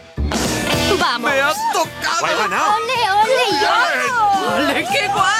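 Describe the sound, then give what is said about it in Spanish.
An excited crowd of lottery winners of the Rascas Millonarios de la 11 scratch cards celebrates, with many overlapping voices shouting, cheering and chattering loudly and continuously, some high-pitched whoops rising above the babble. “Este es el sonido de los ganadores de los rascas millonarios de la 11, que reparten muchos millones de euros en premios.”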